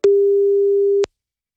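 A single steady, low-pitched telephone ringback tone sounds for about a second on its own, framed by a soft click at its start and end, as the Radio PSR Morning Show places a phone call.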